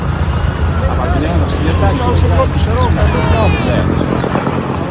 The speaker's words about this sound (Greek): Δεν ξέρω, πρέπει να ακούτε το ελικόπτερο το οποίο ρίχνει πάνω από την εστία της φωτιάς.